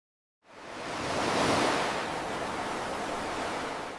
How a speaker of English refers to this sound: I love the roar of the ocean and the sounds of the seabirds.